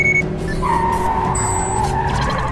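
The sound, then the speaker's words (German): A Jeep skids hard during a chase with a motorcyclist, its tires letting out a loud, sustained screech over a steady engine rumble, the squeal wavering in pitch for a couple of seconds. “Das hier ist kein Rennwagen.”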